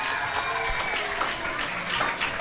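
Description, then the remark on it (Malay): Steady applause from an audience at a pantun event, given for the chairman of the parent-teacher association of SK Kangkong: a dense wash of many hands clapping at once, sustained throughout with no pauses. “Tepuk tangan sikit pada Ustaz.”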